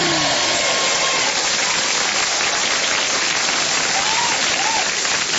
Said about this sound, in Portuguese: muitas bênçãos de Deus e muitos aplausos para os aniversariantes.